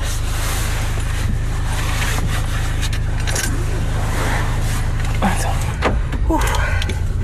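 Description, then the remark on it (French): A car seatbelt being fastened: strap rustling and a few metallic buckle rattles and clicks over the steady low hum of an idling car, with faint voices in the background. “Alors, la ceinture.”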